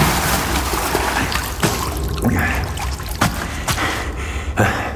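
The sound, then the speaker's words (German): Continuous water sloshing and splashing with dribbles and trickles, broken by a few sharper splashes, as a person's upper body pushes up out of the water of a full basin. “Kit Elsvers Oberkörper schob sich aus dem Wasser.”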